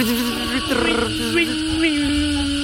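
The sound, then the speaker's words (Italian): A Japanese cicada's song, a steady, buzzing drone with a wavering, pulsing pitch that carries on without pause for a few seconds, fairly loud. “Ma solo con la parte inferiore del corpo, la cicala giapponese?”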